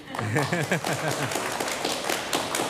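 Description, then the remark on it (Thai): A studio audience of visiting faculty from Kasetsart University claps their hands on a Thai PBS programme, a steady patter of sharp, overlapping claps. A person talks over the opening moment before the applause carries on alone. “ขอต้อนรับค่ะคณะอาจารย์จากมหาวิทยาลัยเกษตรศาสตร์ทุกคนสวัสดีค่ะ สวัสดีครับอาจารย์ครับเอาตบมือก็ได้นะฮะ”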